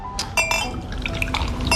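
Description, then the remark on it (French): A sparkling drink is poured into glasses, with a steady liquid fizz and several bright glass clinks scattered through it, fairly loud, with no talking. “Des bulles pour les globules, ma chérie.”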